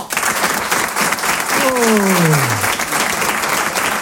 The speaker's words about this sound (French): Applaudissez pour voir ceux qui habitent sur Paris.